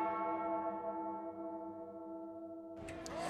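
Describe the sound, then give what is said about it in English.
A single bell tolls to mark the start of the fourth quarter of a game at Titan Stadium, with a long, resonant tone that slowly fades, with a short burst of other sound at the very end. No one speaks. “And the fourth quarter bell has tolled.”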